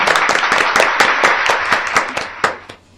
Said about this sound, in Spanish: Por ejemplo, este samaritano, ¿qué tal si le damos un aplauso a ese samaritano por esa buena acción que hizo? ¿No creen que se merece un aplauso? ¡Sí! ¡Claro!